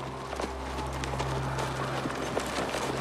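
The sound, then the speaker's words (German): Horses' hooves clip-clop in an irregular, unhurried rhythm, several distinct knocks spread across a few seconds over a steady low rumble, at moderate volume. “Du, bewach die Pferde.”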